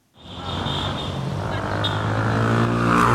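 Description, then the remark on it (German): Steady roar of city traffic in Cairo around a traffic island between two large streets, with engines droning and the noise building slightly louder as vehicles pass, a dense continuous wash with no voices. “Der Anblick der meterhohen Statue genügt, um das Kairoer Straßenchaos für einen Moment zu vergessen.”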